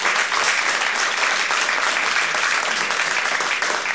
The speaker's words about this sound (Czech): V dnešních rozpravách bych rád hned na začátku vzdal hold Českému rozhlasu, který, patrně jste to zaznamenali, v tomto roce oslavil 100 let své existence. Takže aplaus pro Český rozhlas.